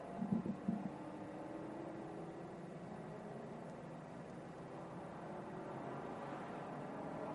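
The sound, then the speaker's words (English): A steady roar of Mustang Challenge race car engines droning on a track, with a brief burst of engine revving at the start before settling into a continuous, muffled rumble. “Getting a wake-up call from Pilot Challenge MX-5s and now these Mustang Challenge cars.”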